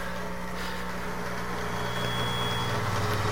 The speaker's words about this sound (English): There's a noise. I don't know if you can hear it. It's from the air conditioner in this room. It's noisy.